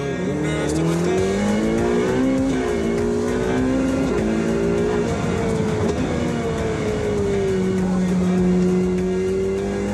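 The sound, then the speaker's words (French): A sports car drifting, its engine roaring loud for the whole stretch, the pitch swinging up and down as the throttle is worked, with a rough, gritty noise layered underneath. “Sensation de glisse, dérapage.”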